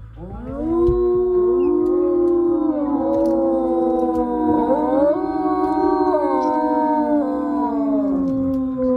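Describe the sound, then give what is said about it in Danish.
Several wolves howl together in a sustained chorus, long overlapping tones gliding up and down for the whole stretch, fairly loud, with no talking. “I dag, der er vi jo ude i Ulveland, og det handler jo altså om lyden, og for nogen også frygten for dem her.”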